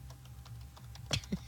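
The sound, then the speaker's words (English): Soft, irregular clicks of computer keyboard keys being typed, fairly quiet, with a couple of sharper keystrokes near the end over a low steady hum. “I can hear the keys. It sounds like when you're on hold.”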